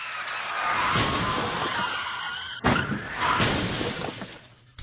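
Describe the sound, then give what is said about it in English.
A loud car crash during a police chase, involving a car and police cruisers, erupts with a burst of shattering glass, followed by a second sharp impact and more debris and glass clattering, chaotic with no talking. “You totaled a car and the 6 police cruisers.”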